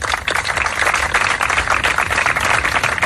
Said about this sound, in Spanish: Así terminaba, Javier, ese emotivo acto de ayer tarde con estos aplausos.